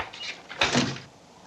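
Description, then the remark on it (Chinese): A door swings shut with a brief scraping slide followed by a soft thud, fairly quiet, over a faint hiss, at a place where many people come and go. “哎，我帮你们关门啊，这里进出的人很多。”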